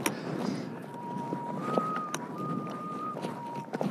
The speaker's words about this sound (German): Der Wind pfeift eine Terz.